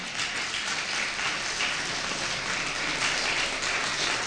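An audience claps steadily, a dense, continuous wash of many hands that holds an even level throughout, sounding almost like heavy rain, with no voices heard.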